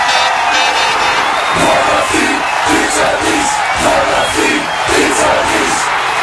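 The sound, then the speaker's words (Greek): A huge football crowd roars and cheers in celebration of a goal, a dense, loud wall of voices with rhythmic surges of shouting rising and falling throughout, with no clear individual speech. “Να μπαίνει το γκολ και να φωνάζεις.”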